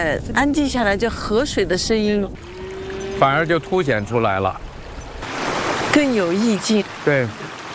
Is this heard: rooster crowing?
no